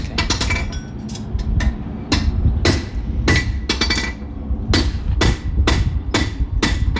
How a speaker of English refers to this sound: You listen to the farrier. He's shoeing some of the horses ready for the competitions this weekend. And he makes an awful racket, doesn't he? Oh, he's a very noisy person,